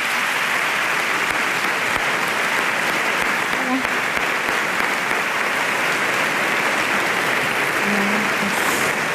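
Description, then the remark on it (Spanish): Loud, sustained applause from a large audience fills the theatre, welcoming two performers onto the stage, a dense wash of clapping that continues steadily throughout with a few faint cheers. “Venga, con un fuerte aplauso.”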